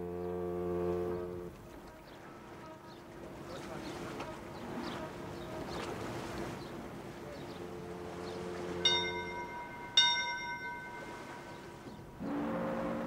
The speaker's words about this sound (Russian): Второй колокол. Вот и все.